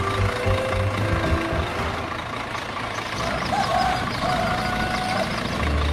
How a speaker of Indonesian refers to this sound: Uniknya lagi, kendaraan yang dipilih bukan mobil mewah, melainkan sebuah truk dengan bak terbuka yang siap mengangkut para penumpang, lengkap dengan cerita, tawa, dan tentu saja gosip yang akan mengiringi perjalanan sepanjang jalan.